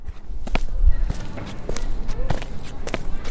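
Footsteps of someone walking at an unhurried pace, about five or six dull, distinct steps over a low, steady background rumble. No one speaks.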